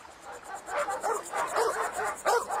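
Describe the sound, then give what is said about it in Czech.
Dogs barking at a visiting melon seller in a rapid, uneven string of sharp yaps and barks, overlapping one another at a moderate volume, with no talking. “Pej si, no tak, zalezte.”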